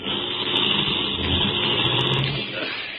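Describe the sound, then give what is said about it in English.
A car engine runs steadily with a broad rumble of motor and road noise, fairly loud, easing slightly toward the end as the car pulls up to block the road and stops, as it starts to rain. No one speaks. “I'll block the road with our car and she'll have to stop.”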